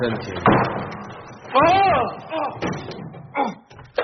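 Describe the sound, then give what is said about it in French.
A broom cupboard door clatters open with a sharp wooden thump, followed by loud, strained vocal sounds and a few further bumps. “Ah, c'était une porte de placard.”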